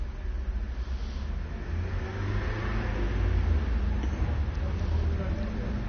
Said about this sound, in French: Des voitures qui viennent de la rue du Four.